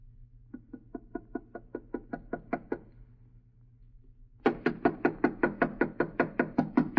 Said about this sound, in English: Knock harder